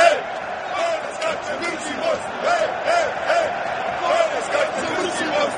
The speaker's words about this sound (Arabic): عودة مرة أخرى، التفاعل الجماهير الرائع للجماهير البوسنية، ينتظرون جيكو، يعولون على جيكو، يعتمدون على جيكو، يراهنون على جيكو هنا في هذه المواجهة،